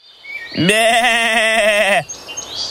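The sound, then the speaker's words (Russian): A goat lets out one loud, drawn-out bleat lasting over a second, its quavering, nasal tone wavering steadily before cutting off, followed by quiet background sound. “Вот бежит козел по полю, побежал вдоль по дорожке, а ему волк навстречу.”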